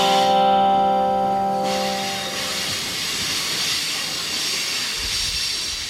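A train's brakes squeal with a loud, sustained metallic tone for a couple of seconds as the train nears the Hell's Gate gorge. The squeal then gives way to a steady airy hiss as the carriages roll on. No one speaks.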